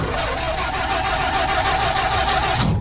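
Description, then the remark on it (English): A car engine, the Money Mobile, grinds as the starter cranks steadily for a few seconds, a continuous mid-pitched churning that never catches and fires, then cuts off abruptly; the car's battery has run down. “Well, the battery's run down.”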